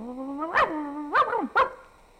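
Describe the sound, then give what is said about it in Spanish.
A skinny, flea-ridden dog lets out a thin, whiny yelp followed by three quick, sharp barks, with no voices and a short pause between the last barks. “O uno flaco, tilico y pulguiento.”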